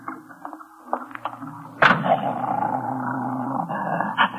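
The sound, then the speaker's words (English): Two dogs growl at each other, one a big police dog held by a woman, the other a dog just let out of a taxi cab, in hot weather; a low rumbling snarl that rises sharply after a quieter start and continues steadily, fairly loud with no voices. “I guess the big police dog over there don't like your dog.”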